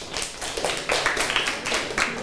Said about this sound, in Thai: เก่งมากเลยปรบมือให้เพื่อนหน่อยค่ะ